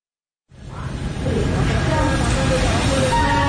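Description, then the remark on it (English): A train trundles into a station 20 minutes late, its heavy low rumble rising quickly out of silence and holding steady and loud, with faint metallic squeals and a murmur of background voices. “The train trundled in 20 minutes late.”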